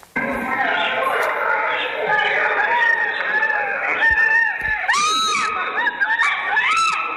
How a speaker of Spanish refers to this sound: Y van a ver ustedes, este tiene audio, van a escuchar ustedes, no se ve tan bien, pero van a escuchar el griterío de la mujer cuando sucedió todo esto.